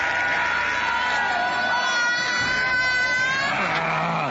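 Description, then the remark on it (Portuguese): A large crowd of worshippers shouts and screams together in a dense, sustained roar, answering a preacher's call to shout to Jesus during a deliverance from demons; loud and continuous throughout, with many overlapping high-pitched voices and no clear pauses. “Se vocês gritar, Jesus manda fogo.”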